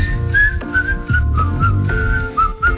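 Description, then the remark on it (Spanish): Someone whistles a bright, wavering melody, the tune rising and falling in short phrases over a full instrumental backing with a steady low bass. “Nos vamos silbando, mirá.”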